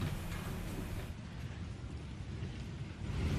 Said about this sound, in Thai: สื่อในสเปนรายงานว่าเกิดฝนตกหนักในเมืองบาร์เซโลนาส่งผลให้เกิดน้ำท่วมไหลทะลักเข้าสถานีรถไฟใต้ดินหลายแห่งทำให้รถไฟใต้ดินหลายสายต้องหยุดทำการหรือลดช่วงเวลาให้บริการขณะที่การจราจรถูกปิดชั่วคราวเนื่องจากน้ำท่วมขังบนถนนหลายสาย